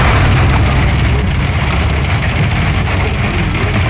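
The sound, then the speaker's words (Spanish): Hail pelts a car in a dense, steady clatter, a loud continuous roar of countless tiny impacts over a deep low rumble, with no voices throughout. “Está cayendo en el carro. En el carro se siente más la granizada.”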